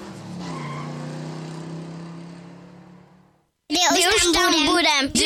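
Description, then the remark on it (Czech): A loud off-road engine roars and revs steadily for a few seconds at the Grill Off 2026 off-road weekend in Březinská strž, then fades out. After a brief silence, a burst of loud, excited voices follows. “Víkend, kde duní motory a blato není problém, ale cíl.”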